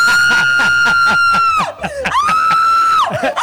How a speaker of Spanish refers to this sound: Vamos, más de 100 personas se reúnen en una playa de San Francisco para gritarle al mar.